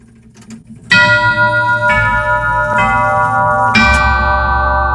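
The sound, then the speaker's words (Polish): Westminster chime on a large tubular chime clock: four loud, ringing bell-like notes struck about a second apart, each overlapping the last in a rich, sustained shimmer, with a low hum beneath and no talking. “No właśnie, tutaj kilka kurantów westminsterskich. Mamy tutaj, mamy chyba zegar, który tu jakiś rurak dużyk wygrywa.”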